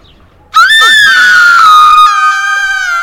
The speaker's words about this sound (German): Der Schrei meiner Schwester riss mich aus dem Schlaf.